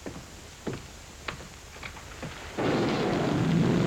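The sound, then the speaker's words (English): A few soft, scattered knocks give way partway through to a steady, fairly loud hiss of rain falling outside, continuing to the end with no voices. “The rain that's falling down, sir.”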